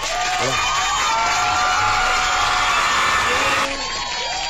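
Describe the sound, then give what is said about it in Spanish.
Canned applause from a large crowd, loud and dense, with cheering and whoops mixed in, played as a continuous burst that cuts off abruptly near the end. “Pon unos aplausos grabados, pero que se escuchen feo.”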